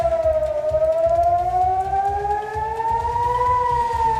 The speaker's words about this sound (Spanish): La sirena sonando en Israel, donde la Guardia Revolucionaria iraní ha lanzado misiles esta madrugada.